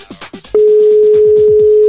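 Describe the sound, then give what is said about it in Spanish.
A loud, steady telephone ringback tone of an outgoing call, placed live during a radio broadcast, starts about a quarter of the way in and holds unbroken to the end, over a quick, repeating pulsing pattern that also runs before it. “coge el teléfono, coño, que te estamos llamando en la radio.”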